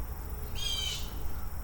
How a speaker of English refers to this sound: Well, there's only one thing that makes birds this angry, and that's a predator. So who has flown in? It could be anybody. It could be an owl. It could be a hawk. It could even be an eagle, but this is not the time of year for eagles.